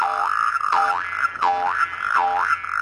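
Cartoonish boing effects for young frogs jumping around at a pond bounce repeatedly, about three springy wobbling tones rising and falling in a steady rhythm, loud and alone without any talking.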